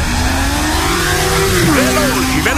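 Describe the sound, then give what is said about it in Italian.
MotoGP racing motorcycles scream past at high speed, their loud, whining engines dropping in pitch as they pass by, followed by more rising revs, with no talking. “Il stipendio mio arriva sul conto come le moto della MotoGP al traguardo. Passano.”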